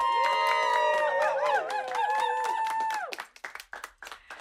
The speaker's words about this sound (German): So, meine Lieben, jetzt geht's weiter. Bitte einen großen Applaus für Charlie E.